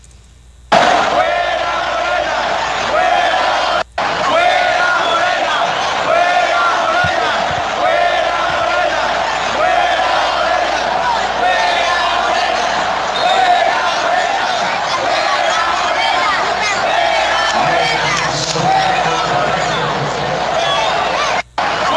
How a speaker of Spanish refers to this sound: Preguntan que si hubo grito de fuera Morena en el estadio. Sí, sí hubo grito. Mire. Échale.